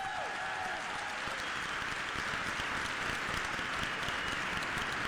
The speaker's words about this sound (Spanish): Ahora sí pueden aplaudirle a la palabra de Dios.